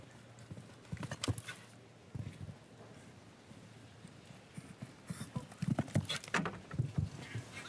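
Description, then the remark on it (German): A horse's hooves clip-clop in uneven bursts over a show-jumping course, a quick flurry early on and a longer run of thudding strides later, against a faint background hum. “Gucken Sie mal, wie dieses Pferd leicht und locker auch im Körper bleibt.”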